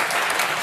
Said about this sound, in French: Et ils applaudissent,